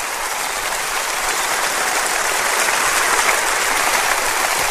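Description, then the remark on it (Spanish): A large audience claps steadily for the Lord at an afternoon service, a dense wash of applause that holds at full strength throughout, swelling slightly midway, with no voices breaking through. “Dele un aplauso a nuestro Señor esta tarde.”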